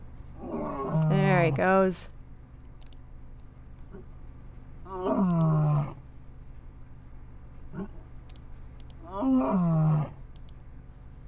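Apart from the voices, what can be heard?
lion roaring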